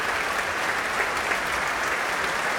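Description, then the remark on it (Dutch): Sustained, dense applause from a large concert audience after a performance of Samuel Barber's violin concerto with violinist James Ennis, steady and loud throughout with many hands clapping at once, no voices standing out above it. “En hier een mega groot applaus.”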